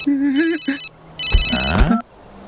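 A mobile phone rings again, playing a bright, beeping electronic melody in two short, loud bursts, with some noisy clatter mixed into the second burst.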